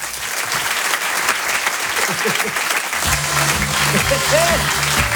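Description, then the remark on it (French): A crowd at the Rire et Chanson Comedy Club claps steadily for the comedian Walidia in a dense, continuous wash of applause, with faint voices and cheers mixed in and a low musical drone swelling underneath partway through. “Je vous demande un tonnerre d'applaudissements, s'il vous plaît, pour Walidia.”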